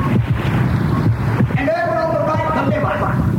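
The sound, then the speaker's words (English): Fluid flushing through a kidney: a steady, loud rushing and sloshing with a low rumble throughout, joined midway by a wavering, higher whistling tone. “Here on the left, the happy little kidney is busy flushing fluid. Just listen.”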